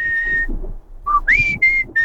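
A person whistles a song melody: a long held note, a short lower one, then a rising glide into a few steady, sustained tones, clear and fairly loud with no talking.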